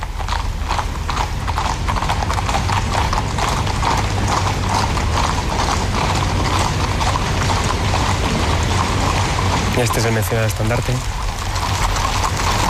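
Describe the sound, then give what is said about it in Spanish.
Many horses' hooves clip-clop steadily on pavement as the mounted service of the Spanish Royal Guard passes in a parade, led by a first corporal carrying a standard; grey, Hispano-Breton and other horses; a dense, continuous clatter with a brief narrating voice over it. “al mando de un cabo primero, que podremos o hemos podido apreciar ya, lleva un estandarte en la cual vemos los crines de las tres diferentes capas que conforman el servicio a caballo de la Guardia Real: los tordos, los lazana o los hispano-bretones.”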